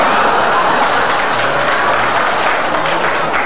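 A large crowd applauds steadily, dense clapping filling the whole stretch at a loud, even level, with some cheering mixed in and no voices rising above it.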